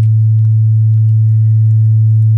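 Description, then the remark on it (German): A steady, loud low-pitched hum with a deep droning tone and faint higher overtones, continuing unchanged throughout with no voices or other sounds. “Das ist ein 100-Hertz-Rauschen.”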